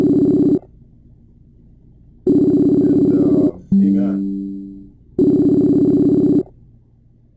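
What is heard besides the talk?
telephone call ringing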